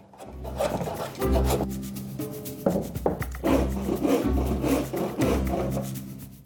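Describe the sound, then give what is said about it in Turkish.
A hand saw rasps back and forth through a wooden board, cutting it into a V shape to glue onto a wooden pig figure, in steady, loud strokes, each pass a gritty, rhythmic scrape with a low rumbling body. “Şimdi tahtayı V şeklinde keseceğim.”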